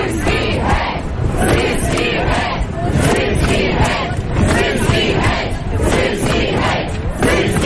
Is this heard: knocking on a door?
no